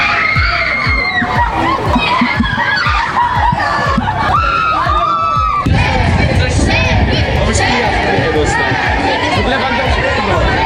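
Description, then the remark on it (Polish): A dense crowd of football fans in Wrocław cheers and shouts as they await the Polish national team, most excited by captain Robert Lewandowski, with excited screams and overlapping chatter forming a loud, continuous roar throughout. “Na biało-czerwonych czekał tłum kibiców, a największe emocje wzbudził oczywiście nasz kapitan, Robert Lewandowski.”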